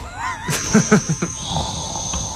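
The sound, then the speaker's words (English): An AI-generated voice, asked for sleep sounds to help someone fall asleep, imitates snoring with a handful of short, rough, guttural snorts in quick succession, trailing off into a breathy exhale over a thin, steady whine. “Yeah, it sounds like somebody snoring.”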